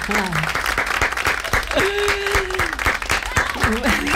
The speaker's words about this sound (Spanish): Ya nos han puesto aplausos.